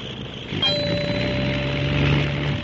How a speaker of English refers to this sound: The motor was stopped for a moment, but it is running perfectly again.